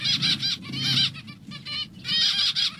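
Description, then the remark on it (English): Zebra finch calls in a busy chorus: repeated bright, nasal beeping notes overlapping one another, fairly loud, with a low rumbling background underneath and no talking. “And one of the sounds that you really should be listening out for if you're doing any hiking at all is zebra finches, because they lead you to water, is my memory.”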